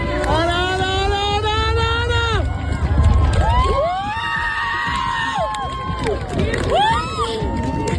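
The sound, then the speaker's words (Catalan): About 2,000 people gathered at the Seu Vella viewpoint erupt in loud, sustained cheering and whooping at the moment of a total solar eclipse, as the moon fully covers the sun in a cloudless western sky. Many high voices rise and fall together over a dense roar, swelling again in bursts toward the end. “Les 2.000 persones que es reunien al mirador de la Seu Vella amb el sol a l'oest i sense núvols esclataven a l'uníson en el moment en què la lluna tapa del tot els últims rajos solars.”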